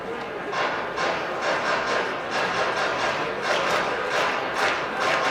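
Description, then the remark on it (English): A ballpark crowd at an evening family-night baseball game, on a summer evening that has cooled after a warm day, fills the air with a steady, dense roar of many voices, swelling in loose waves throughout, with no single speaker standing out. “Great family night crowd this evening.”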